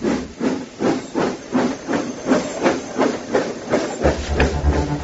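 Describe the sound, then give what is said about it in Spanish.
A steam engine chugs steadily, rhythmic bursts of hissing steam pulsing about twice a second, loud, with a deep mechanical rumble joining in near the end. “Llegaba la máquina de vapor y con ella una revolución.”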